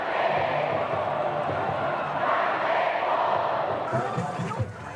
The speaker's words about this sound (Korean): 드디어 경기가 시작됐습니다. 열띤 응원전에 막이 오르고 승리를 기원하는 양팀의 우렁찬 응원. 야구장은 순식간에 함성으로 가득 차오릅니다.